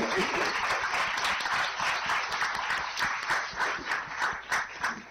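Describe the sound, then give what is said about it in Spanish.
A burst of audience applause at a celebratory program, given for a birthday, fills the space, dense clapping from many hands that stays loud and steady before growing slightly more uneven toward the end, with no voices standing out. “Aplauso”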